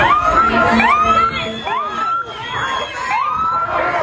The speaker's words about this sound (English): Blocking traffic, yelling, screaming.